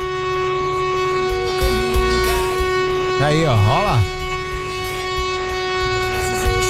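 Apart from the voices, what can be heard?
horn honking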